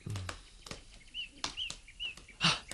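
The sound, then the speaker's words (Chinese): Wings flap in quick, soft bursts as a flock of crows takes off and flies past toward the woods, with a few faint chirps high above, without any talking. “梁子，有一群乌鸦飞向树林那边”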